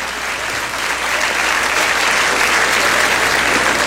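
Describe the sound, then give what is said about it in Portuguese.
A church audience claps steadily for about four seconds as a pastor walks down the church aisle toward the altar. It is a dense, loud wash of applause that holds even throughout, with no voices standing out. “Palmas para Jesus.”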